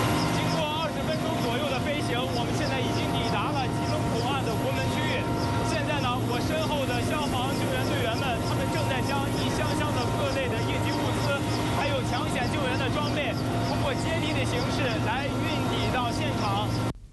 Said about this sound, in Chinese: 刚才记者在直升机上做的连线，您可能因为噪音的关系听得不是很清楚。我们在这儿呢也给您复述一下。他说从直升机起飞的物资集结点到吉隆口岸核心区需要20分钟左右的飞行时间。